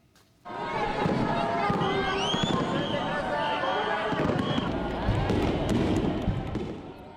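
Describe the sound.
Fireworks crackle and thump in a steady barrage in the night sky over Tokyo on a Saturday at the Sumida River Fireworks Festival, above the constant roar of a large crowd of onlookers, with excited voices and cheering throughout.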